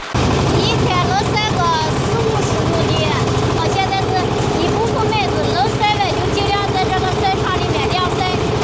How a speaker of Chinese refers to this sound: 自制的翻晒设备正在拖拉机的牵引下来回穿梭，确保小麦能够均匀接受阳光照射。